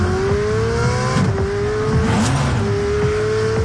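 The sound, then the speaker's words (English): A gas-powered Ferrari sports car engine roars loudly and continuously, its pitch rising as it revs through the gears, powerful with no voices. “One of Ferrari's gas-powered sports cars sounds like this.”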